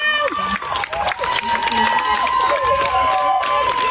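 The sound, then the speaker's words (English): A crowd of female protesters clapping and cheering loudly and continuously for a defense attorney, dense rapid applause mixed with high shouted voices, lively throughout. “First of all, these are female protesters applauding her defense attorney and thanking him.”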